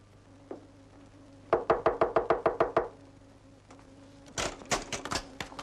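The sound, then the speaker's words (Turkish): Rapid pounding on a door, a steady run of about nine loud knocks, a short pause, then a harsher, denser burst of banging. No voices. “Açın kapıyı!”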